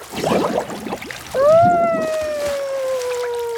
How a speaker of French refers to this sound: Il s'amuse à faire des bulles dans l'eau.